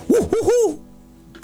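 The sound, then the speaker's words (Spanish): An owl hoots three times in quick succession, clear, with short rising-and-falling tones, followed by a brief quiet pause before another sound begins. “¿O acaso el búho que en la noche cuida tu sueño, mi amor?”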